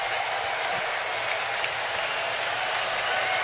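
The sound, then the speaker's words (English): A large baseball stadium crowd in Atlanta, on its feet, cheers and applauds continuously, a dense, steady roar of clapping and voices with no break, loud and enveloping throughout. “So the crowd on their feet again in Atlanta.”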